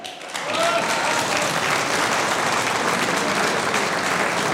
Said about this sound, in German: Beide kandidieren für die heutige Wahl zur neuen Erdbeerkönigin. Einen schönen Vormittag, meine Damen. Das ist euer Applaus.